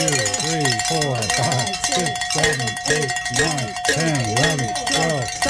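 A cowbell is struck 20 times in a quick, steady rhythm while people do push-ups, loud and clanking, with voices carrying on underneath the ringing throughout.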